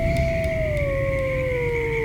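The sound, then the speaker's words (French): A single long wolf howl at night holds a steady, mournful tone that slowly sinks in pitch, fairly loud, over a constant low rumbling background hiss. “Et parfois, les loups rôdent.”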